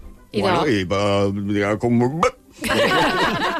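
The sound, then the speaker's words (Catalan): A voice strains through a long, wavering hum, then makes a single sharp mouth pop in imitation of a cork being pulled from a bottle with a corkscrew. Laughter and chatter follow. “Por ejemplo, un sacacorchos. ¿Qué ruido hace cuando sacamos un corcho?”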